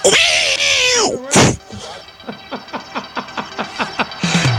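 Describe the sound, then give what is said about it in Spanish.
A person imitates a cat with a drawn-out, wavering meow, then a sharp burst, followed by a quick series of rhythmic clicking or smacking mouth sounds, all fairly loud. “Por cierto, no sabéis ni imitar a los gatos. El gato se imita así.”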